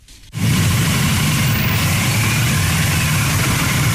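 A brief hush gives way to a loud, steady roar of vehicle engines, deep and rumbling: a ceremonial car motorcade carrying July 1 Medal recipients, escorted by a ceremonial motorcycle squad, setting off around 9 a.m. toward the Great Hall of the People. No one speaks.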